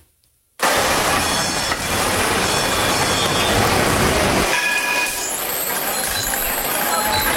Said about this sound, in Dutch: Ja, je zei het geluid van mijn jeugd, dat moet een tram zijn.